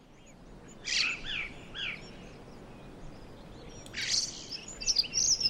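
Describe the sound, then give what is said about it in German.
Recorded birdsong played back as background: bright, twittering chirps play softly in two bursts of chirps and trills, one near the start and another livelier run toward the end, over a steady low background hiss. “Mach ich nochmal die Vögel an, vielleicht geht es dann besser.”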